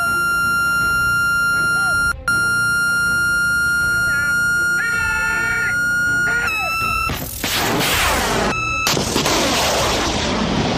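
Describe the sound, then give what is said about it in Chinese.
A steady, high electronic lock-on tone from a missile seeker as two gunners lock onto target drones in a two-aircraft formation during an air-defense drill hums continuously, briefly warbling and shifting pitch, before a loud roaring blast and rushing noise of missiles being fired swamp it near the end. “幺五， 听到这个蜂鸣声，就是我们的射手已经开始锁定目标了。”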